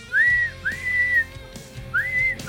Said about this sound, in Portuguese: Bota o passarinho aí da Bia.